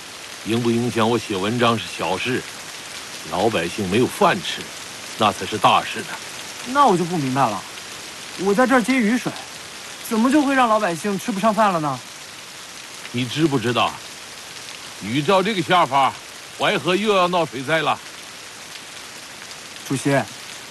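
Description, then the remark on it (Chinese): Steady rain hisses continuously in the background while someone collects rainwater and voices talk over it in short phrases, the patter staying even and moderately loud throughout. “你知不知道，雨照这个下方，淮河又要闹水灾了。”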